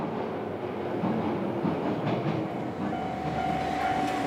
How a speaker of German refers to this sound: Weiter geht es mit der Lokalbahn.